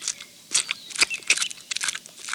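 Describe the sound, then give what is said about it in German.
Willi, a bee character, chews apple pieces with crisp, irregular crunches and wet, smacking bites, a rapid uneven series of bright snaps over quiet background, with no talking. “Also Willi, seit wann isst denn eine Biene Apfelstücke?”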